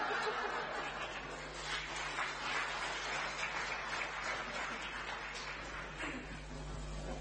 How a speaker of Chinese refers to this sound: 感谢您的掌声。